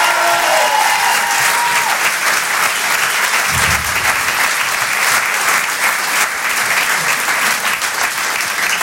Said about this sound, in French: En direct de la Beau Théâtre sur Rire et Chanson, Monsieur Edgar Yves, on peut l'applaudir encore une fois très fort.